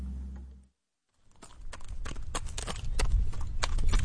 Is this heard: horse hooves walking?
yes